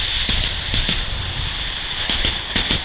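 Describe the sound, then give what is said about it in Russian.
A voice imitates a train as a favourite signature sound: a steady hissing rush punctuated by irregular chugging bursts, loud and continuous for about three seconds, with no words spoken. “Поезд.”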